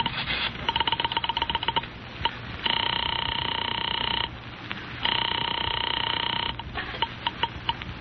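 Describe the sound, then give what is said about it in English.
A pay phone being dialed in a pay phone booth: bursts of rapid mechanical clicks alternate with two long, steady electronic tones, all thin, with no one speaking. “I went into a pay phone booth to call her and tell her everything was all right.”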